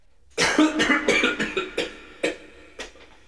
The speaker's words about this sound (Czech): Dále se dělají pauzy mezi jednotlivými skladbami hranými na koncertě, během nich se umělci klaní a publikum tleská. A také mezi jednotlivými větami cyklické skladby. Zde se naopak netleská a smí se jen kašlat.